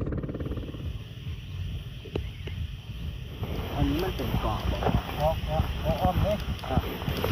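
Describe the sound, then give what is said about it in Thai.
A villagers' longtail boat engine rumbles steadily on the water as it carries passengers from the pier at Wat Pa Ban Pong Sang across to Koh Kud Hin island, with gusty wind noise buffeting the microphone. Partway through, people start talking over the constant motor drone. “การเดินทางมายังเกาะกุดหินนักท่องเที่ยวต้องเดินทางมายังท่าเรือที่วัดป่าบ้านโป่งสังจากนั้นนั่งเรือหางยาวของชาวบ้านข้ามไปยังเกาะกุดหินโดยใช้เวลาล่องเรือชมวิวรับลมเย็นๆประมาณ 10-15 นาทีก็ถึงเกาะครับ”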